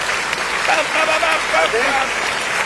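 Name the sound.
applause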